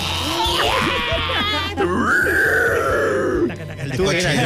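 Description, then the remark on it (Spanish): A single voice demonstrates a harsh metalcore-style scream, a loud, raspy, strained growl held for a few seconds with shifting pitch and a brief break midway, with no other sounds. “Y como estaba la mera, mera mata de los emos, ¿cómo le hacías el griterío?”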